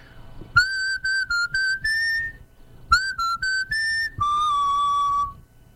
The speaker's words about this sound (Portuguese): vai fazer o assobio da música